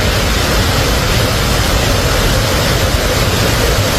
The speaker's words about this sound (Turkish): Görüntülerin adresi yaz aylarında ziyaretçi akınına uğrayan Van'daki ünlü Kanispi şelalesi.